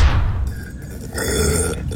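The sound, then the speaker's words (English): A loud, close, croaky burp-like gurgle rumbles low for about two seconds, dipping briefly partway through before swelling again, with no one talking. “I've always had the inability to burp, and it's caused a lot of issues.”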